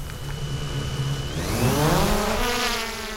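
A small camera drone, launched by a fawn rescuer in northern Saxony, Germany, to fly over a field marked with GPS points, whines up from a steady hum into a louder, rising buzz as it lifts off, the pitch climbing and wavering with no voices present.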